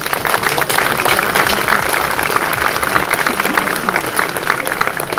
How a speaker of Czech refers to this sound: Takže i pro něj prosím potlesk.